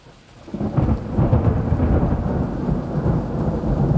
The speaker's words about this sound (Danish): jeg slutter af med et ordentligt skrald. Et super lækkert optaget tordenskrald.